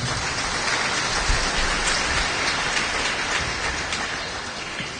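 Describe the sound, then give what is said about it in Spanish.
An audience at a church service applauds God loudly, a dense, steady wash of many hands clapping that holds for several seconds, crackling and rain-like, with no voices heard over it. “Hay uno fuerte aplauso bay comam dios.”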